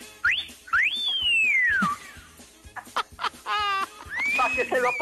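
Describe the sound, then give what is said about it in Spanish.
A person whistles in loud, sliding tones that swoop up and gently fall, then breaks into a quick fluttering trill before ending on a high, wavering note. Faint clicks and noise sit behind. “Échenos un chiflidito. Ahí va.”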